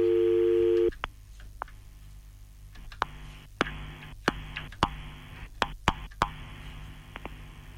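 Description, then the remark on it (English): A loud, steady telephone line tone sounds for about a second and abruptly cuts off as a birthday phone call is attempted, followed by scattered sharp clicks over faint line hiss, like a call that fails to connect. “Let me try and make this phone call.”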